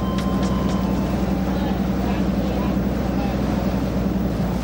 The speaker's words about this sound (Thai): ที่ท่าขึ้นปลาข้างเขาม่องไร่ในเดือนมีนาคมปีนี้มีเรือประมงเข้ามาลอยลำขึ้นปลาอย่างคึกคัก